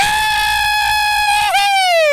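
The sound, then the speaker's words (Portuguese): A woman lets out a long, loud, high-pitched scream, held steadily for about two seconds with a brief catch and pitch dip near the end before carrying on, screaming to scare off mosquitoes above someone's head. “Minha mãe tá gritando assim, que é porque pra ver se espanta os mosquitos que tem em cima da sua cabeça.”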